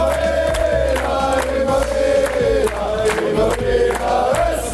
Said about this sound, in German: Das Jubeln kann man aber jetzt schon mal üben, oder?